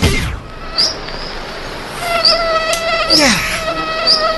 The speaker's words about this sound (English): This portion of summer brought to you by mosquitoes.